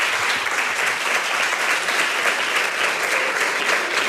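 A dense, steady burst of audience applause at the award ceremony of the 17th short film contest of Radio Nacional de España and Fundación Platino Crowdfunding, many hands clapping at once in a loud continuous wash with no pauses, and no one speaking over it.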